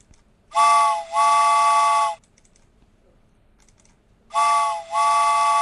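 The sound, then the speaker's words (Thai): A loud, harmonically rich train whistle sound effect, marking a train departing, sounds in two long blasts, the first with a brief dip partway through, separated by a pause of near silence, with no talk. “ประมาณนี้ก่อนเนาะคุณผู้ฟังเนาะรถไฟออกก่อนนะคะ”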